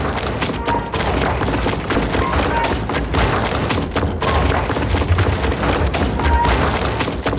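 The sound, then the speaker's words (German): Eighteen heavy iron-shod stamp mill hammer heads, repeatedly lifted, pound continuously into troughs cut in a large tree trunk and filled with rotting rags and water. They make a dense, loud, rhythmic clatter of overlapping thuds and metallic knocks, with a few brief tonal squeaks and no voices. “Das sind die 18 eisenbeschlagenen Hammerköpfe, die ich immer wieder anhebe.”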